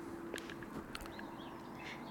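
A small bird chirps faintly in the background, giving a few short, scattered high-pitched calls over a low steady hum and quiet outdoor ambience.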